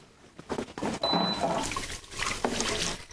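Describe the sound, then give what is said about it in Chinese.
Running tap water splashes steadily for about three seconds, a broad hissing wash with brief surges as hands move beneath the stream. “哎，洗手洗手。”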